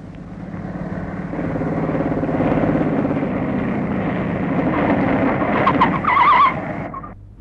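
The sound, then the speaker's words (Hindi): A motorcycle engine drones steadily, revving slightly higher toward the end before a brief squeal and the sound cutting off as the bike comes to a stop in a deserted lane. “यहाँ क्यों रोक दी मोटरसाइकिल?”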